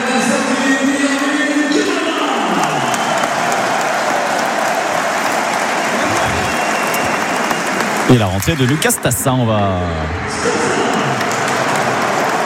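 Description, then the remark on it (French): The large stadium crowd at GG gives a loud, sustained ovation of dense applause and cheering for Irvine Cardona as he is substituted off, with a commentator's voice speaking over it and a brief louder surge of noise partway through. “On va écouter l'ovation de GG pour son grand homme pour l'instant de ce début de saison, applaudi par Yann Catron.”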